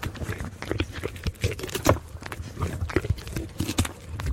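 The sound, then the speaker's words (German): A two-year-old goat moves about, its hooves clip-clopping in quick, irregular taps on a hard surface, fairly loud over a low background rumble. No one speaks. “Ziege, 2 Jahre.”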